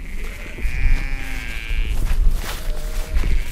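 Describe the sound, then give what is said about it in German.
A sheep grazing behind a fence in the Tempelhofer Feld lets out a long, wavering bleat, followed by a fainter second call, with low rumbling outdoor noise throughout the open field. “Entlang des Zaunes, hinter dem die Schafe im Tempelhofer Feld weiden, hat sich ein Trampelpfad gebildet.”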